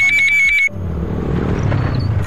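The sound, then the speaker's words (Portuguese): A short burst of pulsing electronic beeps cuts off abruptly, giving way to the steady low roar of a motorcycle engine that holds for about a second and a half. “Ouviu essa moto?”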